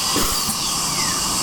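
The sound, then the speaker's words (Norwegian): A dentist's drill whines steadily at a high, thin pitch, a continuous sustained whir with slight wavering, loud and alone without any voices. “Man ligger med tandlægen.”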